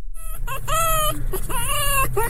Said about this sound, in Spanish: ¿Por qué es un zorro ese?